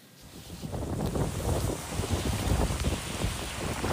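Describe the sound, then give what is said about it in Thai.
Heavy rain pours down steadily at night in Mataró, Catalonia, northeastern Spain, while strong wind roars and buffets the microphone and water floods the town's streets, a dense, continuous wash of noise with gusty low rumbles throughout and no voices. “ชาวเมืองมาตาโรในแคว้นกาตาลุญญาทางตะวันออกเฉียงเหนือของสเปนค่ะบันทึกภาพฝนเทกระหน่ำในยามค่ำคืนนะคะท่ามกลางลมที่ยังคงพัดแรงแล้วก็น้ำที่เริ่มเอ่อท่วมท้องถนนของเมืองค่ะ”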